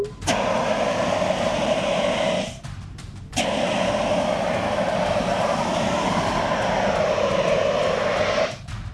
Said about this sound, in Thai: คราวนี้จะใช้น้ำมันเป็นเชื้อเพลิงแต่เดี๋ยวพี่จะใช้ CO2 ฉีดดับให้ดูก่อนว่ามันดับได้จริงๆนะครับนี่ครับ CO2